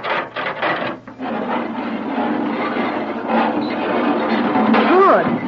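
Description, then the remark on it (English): An elevator door slides open with a long, steady rasping scrape and rumble lasting several seconds, ending with a brief rising squeal. “Now I'll open the door.”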